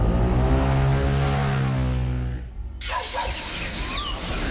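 A motorcycle engine roars loudly with a steady, buzzing drone as the rider opens the throttle and shoots off, then abruptly drops away, leaving a rougher rushing noise as it speeds off.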